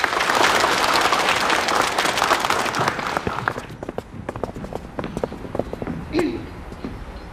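An audience bursts into loud, dense applause that fills the first few seconds, then thins out into scattered, individual claps before fading, welcoming a child's grandparents on stage to perform Cantonese opera.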